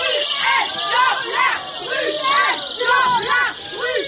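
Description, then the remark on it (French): Feminist activists shout in a theatre in Paris during a singer's show, several high voices yelling the same short phrase again and again in a loud, steady chant, with a murmuring crowd underneath throughout. “ces cris, ce sont ceux de militantes féministes.”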